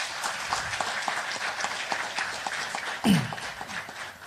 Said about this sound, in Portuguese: Uma salva de palmas para o nosso Presidente.